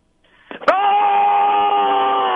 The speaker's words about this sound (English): All right, KLT's Metal Nation, let me hear your best metal scream.